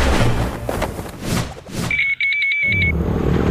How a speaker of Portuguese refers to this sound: Amor, ouviu essa moto? Deve ser um entregador. Mas a gente não pediu nada. E daí? E daí que pode não ser um entregador.